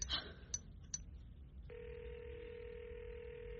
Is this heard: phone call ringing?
yes